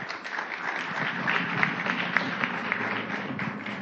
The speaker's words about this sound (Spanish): Démosles, por favor, un enorme, caluroso y gran aplauso a esta Orquesta de Guitarras de la Facultad de Música de la UNAM y esperemos la presentación de la primera obra.